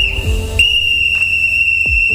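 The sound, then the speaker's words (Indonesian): A loud, shrill referee's final whistle holds one long, steady blast through the whole moment, with low rumbling thumps and faint background noise underneath and no talking. “Nikmati permainannya, rayakan momen kebersamaan, dan setelah peluit akhir berbunyi, yang tersisa bukan siapa menang, tapi siapa yang tetap bersama.”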